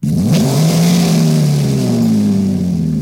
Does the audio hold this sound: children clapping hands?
no